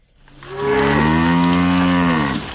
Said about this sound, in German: … treiben ihre Kühe auf die Weide.